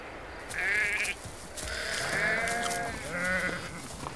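Several goats in a herd bleat in overlapping, wavering cries, a few calls in quick succession, with no voices over them.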